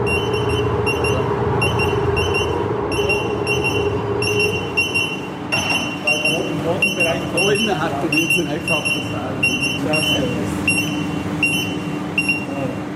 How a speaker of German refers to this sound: Und tatsächlich passiert es dann, dass das Warngerät Alarm schlägt und wir aus dem Raum müssen wegen Explosionsgefahr.